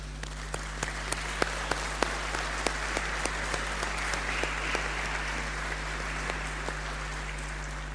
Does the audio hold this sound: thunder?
no